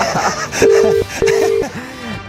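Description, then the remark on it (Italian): A telephone ringing tone on an outgoing call: steady, clear electronic beeps repeating in even pulses, heard through the line over faint background murmur. “Primo squillo.”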